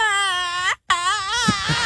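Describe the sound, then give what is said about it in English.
A voice imitating a death rattle: two loud, strained, wavering wails split by a short gasp-like break, the second trailing into a rough, gurgling edge. “it was like the death rattle.”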